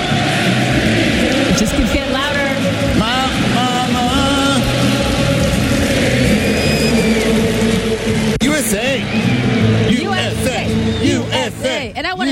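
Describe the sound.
A huge crowd sings together in a loud, dense swell of many voices, sustained melodic lines rising and falling over a constant roar of noise, with the volume building slightly toward the end.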